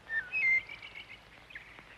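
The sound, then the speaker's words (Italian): Many small birds chirp in short, high, thin bursts, a few quick calls near the start and scattered tweets after, fairly faint against a quiet outdoor background with no talking. “Ce ne sono tanti qui intorno, li senti? La solitudine non li spaventa. E sono così piccoli.”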